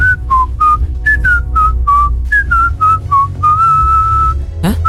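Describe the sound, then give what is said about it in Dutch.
A person whistles a catchy pop tune, short melodic notes in a bouncy rhythm ending on a long held tone, with a quick rising slide near the end and no talking. “Ik ga gewoon fluiten.”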